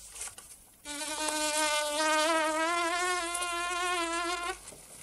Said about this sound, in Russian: Отмахивается от мухи.